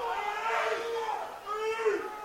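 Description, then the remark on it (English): A baseball crowd lets out a sustained, rising and falling wave of booing, many voices blended into a loud, continuous jeer, after an inside 0-2 pitch is called a ball. “Fans not liking that one at all. Hear the frustrations from the crowd.”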